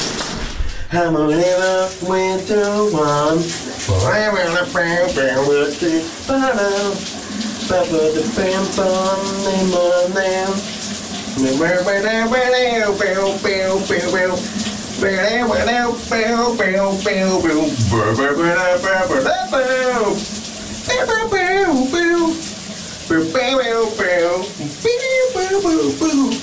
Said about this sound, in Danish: Det klæder faktisk hans stemme, og han kan komme ret så langt op. Kunne du høre, hvad der var for en sang, han sang under bruseren?